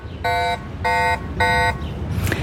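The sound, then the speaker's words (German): Three loud, harmonic electronic beeps from an e-bike's anti-theft alarm, each about a third of a second long, sound in an even rhythm over faint background noise. A short, quieter rustle follows. “Zuerst ist der erste kleinere Alarmton und nachher kommt der wirklich störende und zurückschreckende Alarmton.”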